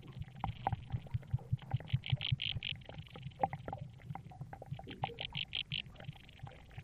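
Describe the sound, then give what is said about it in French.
Rapid bursts of bright, buzzy chirping from an aquatic insect stridulating underwater in a marsh, recorded with a hydrophone, arriving in two clustered runs over a steady low rumbling and bubbling of air bubbles escaping from the mud. No voices. “Et on entend ici un insecte aquatique stridulé, exactement de la même façon que leur cousin aérien.”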